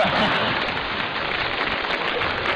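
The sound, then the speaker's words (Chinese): An audience at a xiangsheng (Chinese crosstalk comedy) show applauds steadily, dense overlapping claps forming a continuous wash of sound at an even loudness for the whole stretch, with no voices over it. “哎， 当然再热烈一点就更好了。”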